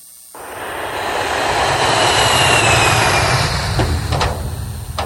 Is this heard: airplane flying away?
yes